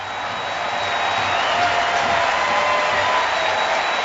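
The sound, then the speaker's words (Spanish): A stadium crowd applauds and cheers, standing, for Pedro de la Vega during a substitution in a football match against Querétaro, a steady wash of applause and cheering filling the whole stretch, dense and even, with no single voice standing out above the roar. “Aplausos aquí para Pedro, sale, de pie.”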